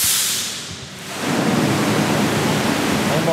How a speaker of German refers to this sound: Es funktioniert. Aus 4 dicken Rohren strömt Wasser in die Tiefgarage. Hunderte Kubikmeter in wenigen Minuten. Was aussieht wie ein katastrophaler Rohrbruch, spart in Wirklichkeit Unmengen Wasser und Geld.